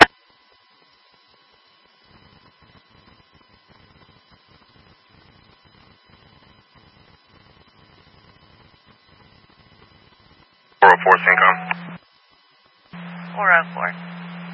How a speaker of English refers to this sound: Franklin County testing the emergency alert tones for New Haven Berger Fire, 1716 WREI 358.